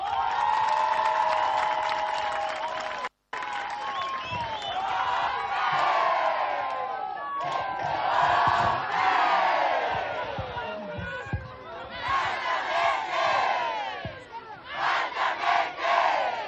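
A large crowd of delegations at an event in Mozambique cheers and shouts loudly and continuously, applauding for Inhambane, with rising whoops and chanting voices over a dense roar of clapping, briefly cutting out near the start before surging again.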